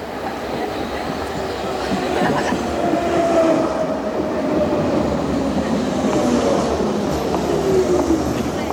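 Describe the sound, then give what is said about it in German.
An S-Bahn commuter train rumbles steadily into a station, with a dense, continuous roar of rolling wheels and faint high squeals of braking rising and sliding across the sound. “Dann kommt die S-Bahn.”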